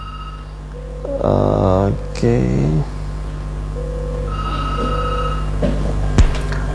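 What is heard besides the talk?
telephone ringing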